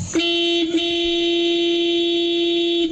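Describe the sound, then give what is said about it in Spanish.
A loud, sustained vehicle horn blares steadily for about three seconds, a single long honk with a bright, buzzing tone and no voices over it. “Sí, es un pito fuerte, un pito largo, o sea, un pato certero.”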